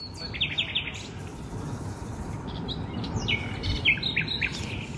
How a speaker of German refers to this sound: So klingen die Nachtigallen bei mir um die Ecke.